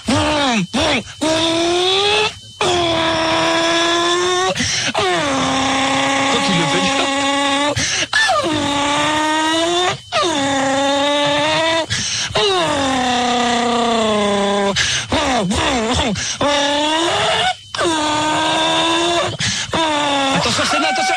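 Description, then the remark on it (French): A voice imitates a Formula 1 race car as an exercise to work the voice: loud, buzzing engine whines that rise and drop again and again like rapid gear shifts, broken only by brief breaths over about twenty seconds. “si un jour t'as la voix cassée, imite une Formule 1”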